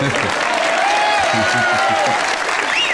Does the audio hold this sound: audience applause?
yes